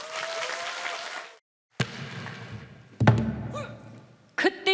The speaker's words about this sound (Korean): 자, 두 아티스트, 두 출연자의 멋진 무대 여러분들 뜨거운 박수로 맞이하도록 하겠습니다.